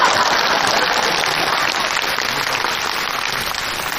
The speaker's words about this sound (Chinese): 谢谢各位同情的掌声吧。